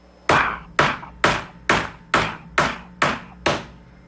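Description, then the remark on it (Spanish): A wooden mosquito-screen door with a return spring, shut, is moved from its back side and bangs and rattles against its frame seven times in a steady rhythm, each knock sharp, fading quickly, with no voices. “Y exactamente esa hora, todo cerrado, en la parte de atrás de esta puerta que le acabo de mencionar, con mosquitero de madera, eran esas clásicas que tenían un resorte para que la puerta regresara y nos quedara abierto, le empiezan a mover 7 veces.”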